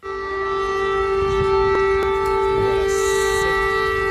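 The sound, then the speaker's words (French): An air raid siren in Kyiv wails in a steady, sustained tone with strong harmonics, loud and unbroken for the whole stretch, with faint background noise beneath it. “alarmes que vous entendez, les habitants de Kiev y sont tristement habitués.”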